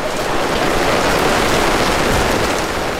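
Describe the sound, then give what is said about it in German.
Steady rain pours down in a dense, continuous hiss, fairly loud, with no voices or other sounds breaking through. “Jetzt gerade können wir einfach mal zuerst den Regen geniessen.”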